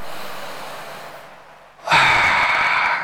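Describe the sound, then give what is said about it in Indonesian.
A long, steady breath drawn in, fading gradually, then a sudden loud, forceful exhale rushing out, as in a breathing exercise. No talking. “Tarik hu sampai selesai, napas kita selesai itu puncak, baru dikeluarkan berlahan, dikeluarkannya Allah, kayak orang nge-gym ya itu”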